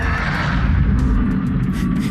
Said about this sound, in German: Nee, es ist ein Hai-Geräusch aus Subnautica 2. Solche Sounds gibt es in diesem Game.